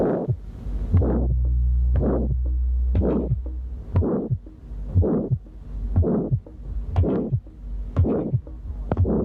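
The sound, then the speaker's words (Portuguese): A steady heartbeat heard at the second right intercostal space in congenital aortic stenosis, with a harsh, rasping systolic murmur swelling and fading between each pair of beats, diamond-shaped and ending before a normal second heart sound, repeating about nine times over a low hum. “O sopro sistólico é áspero, em forma de losango, terminando antes de um segundo som normal.”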